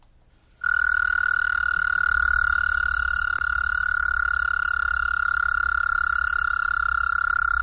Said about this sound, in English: Practically, though, it was the windows open, could hear these toads, the loons calling. Yeah, the American toad is really getting his singing in.